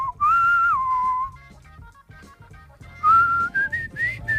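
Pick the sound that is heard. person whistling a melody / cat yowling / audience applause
person whistling a melody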